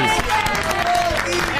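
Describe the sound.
An audience breaks into steady, loud applause, a dense continuous patter of many hands clapping, with voices and cheers rising through it for the whole short stretch.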